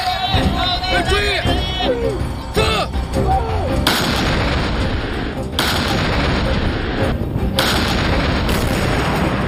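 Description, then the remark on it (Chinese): An artillery battery fires a salvo, all its guns firing almost simultaneously and raising a lot of dust: several heavy blasts in quick succession, deep booming reports layered into a dense, rumbling roar, with a faint murmur of voices and rising tones early on. “数门火炮齐声怒吼，感觉整个大地都快要被震裂了，那么射击的现场扬起了大量的沙尘。”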